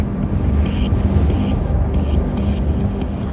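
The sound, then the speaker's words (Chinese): Strong wind roars and buffets steadily against the microphone, a dense low rumble that never lets up, with faint whistling tones flickering above it. Heard on stepping out of a small inspection hatch at the top of a tall main tower above a canyon. No one speaks. “当我踏出舱门，耳边只有呼啸的风声。”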